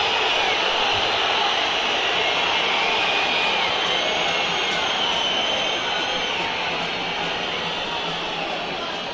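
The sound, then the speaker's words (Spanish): A stadium crowd at a River match whistles in disapproval, a dense, loud, unbroken wash of shrill whistles over a roaring crowd that holds steady for the full stretch. “Siguen los silbidos.”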